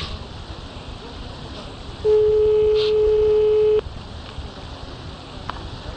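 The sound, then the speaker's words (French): A single steady ringback tone of a phone call to a home number, made after a mobile went straight to voicemail, sounds for a little under two seconds, loud, over a faint background hiss, then cuts off abruptly. No one speaks. “Donc, on rappelle à la maison. On rappelle à la maison. Directement à la maison.”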